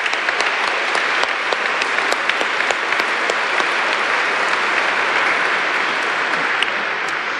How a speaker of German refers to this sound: Ach, kurz Applaus.